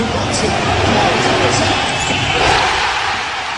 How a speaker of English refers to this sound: Bang! Jalen Brunson from downtown. Here's the crowd at the watch party at Madison Square Garden after that one.